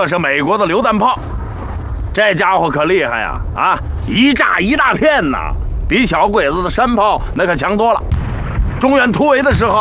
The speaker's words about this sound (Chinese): 这是美国的榴弹炮，这家伙可厉害呀！啊，一炸一大片呐，比小鬼子的山炮那可强多了。